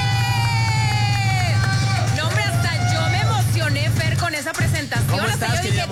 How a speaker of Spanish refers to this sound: Un fuerte aplauso para recibir a Mon Gómez.